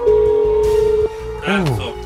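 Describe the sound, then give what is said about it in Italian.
A steady telephone ringback tone, the third ring of an unanswered outgoing radio call to a listener in Bari, hums for about a second, then cuts off, followed by a short, swooping vocal sound over a faint background. “Terzo squillo.”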